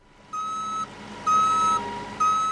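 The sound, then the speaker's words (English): A cargo truck being loaded with soybeans sounds its reverse alarm: three loud, steady beeps about a second apart over a low engine rumble, with no one talking. “65-year-old Larry Bergen is loading soybeans into a cargo truck.”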